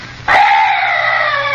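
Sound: strange night bird call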